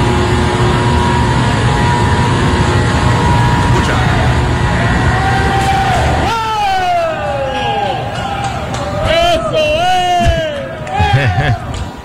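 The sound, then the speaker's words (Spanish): A loud, steady mechanical roar of a machine being switched on fills the first half, then a group of employees breaks into overlapping shouts and whoops, rising and falling in pitch over the continuing machine noise. “Y escuchen ahora los gritos de los empleados.”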